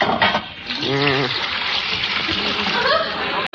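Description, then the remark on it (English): Four colors of Rit liquid dye are poured into boiling water to be mixed into a brown hair color, a steady gushing and splashing that runs for several seconds, with a brief murmur of voice early on. “Now, I pour the dyes into this boiling water.”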